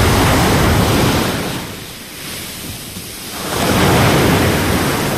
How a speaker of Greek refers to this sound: έχει φουρτουνιασμένη θάλασσα, μπόλικο κύμα, από το κάθισμα στη Λευκάδα.